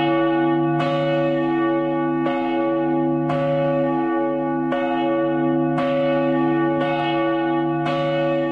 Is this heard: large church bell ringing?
yes